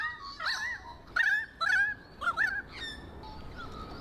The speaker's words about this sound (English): That's Kane's favourite sound, the sound of Australian birds. Here in the mountains, we're all familiar with this lovely sound.